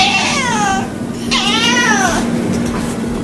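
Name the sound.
cat meowing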